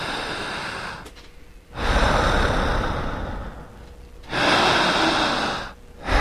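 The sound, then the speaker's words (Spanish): Slow, deep breathing done as a breathing technique in hypnosis: long, loud, airy inhales and exhales with brief pauses between them, and no talking. “En esta respiración, repetiré, no lo dijo nunca ni la hipnosis tradicional y tampoco lo dijo la psicología.”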